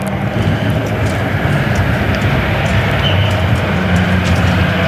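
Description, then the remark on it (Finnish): A Toyota rally car's engine drones loudly and steadily as the car rolls in, a dense low rumble with a broad roar above it and no voices or pauses; the rain is easing and the wipers are barely running. “Auton ääni ainakin lupaavasti sieltä kuuluu ja sieltä myöskin Toyota tänne rullaa.”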